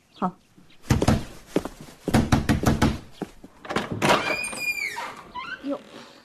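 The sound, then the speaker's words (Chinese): Loud, insistent pounding on a front door, delivered in two quick bursts of heavy thuds. A voice then calls out over the last of the noise. “谁呀、啊？这么没礼貌！ 哎，快去开门。”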